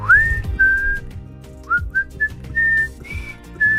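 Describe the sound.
Someone whistles a pop tune, a string of clear sustained notes that rise and step between pitches with short gaps, over a faint low hum in the background.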